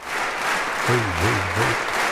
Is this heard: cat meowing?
no